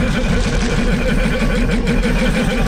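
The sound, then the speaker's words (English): A loud, rattling sci-fi engine sound effect, Sebulba's pod racer from Star Wars, drones steadily, its throaty mechanical growl pulsing in a rapid uneven rhythm, continuous with no talking. “That's in fact the iconic sound of Sir Bulba's pod racer.”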